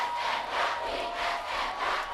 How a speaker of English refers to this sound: Hear that? They chant. For us.